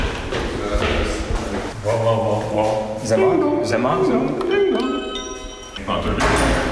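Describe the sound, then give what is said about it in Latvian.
A doorbell chimes with a couple of ringing tones at the door of the National Alliance office in Riga, Latvia, followed by the thud and rattle of the door being opened, with faint indistinct voices and room noise around it. “Piesvanot pie durvīm, ātri tiekam ielaisti.”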